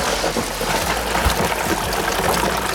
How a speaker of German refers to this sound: Wenn das hilft, gell, dann für euch heute, für alle die kalte Dusche. Kommt Wasser rein.